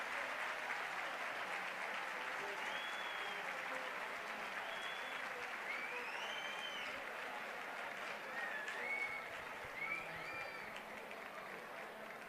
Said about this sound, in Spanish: Cuando justo ahora mismo se están enterando en la grada, lo podemos escuchar con Álvaro Morata como nuevo jugador. Escuchamos el aplauso.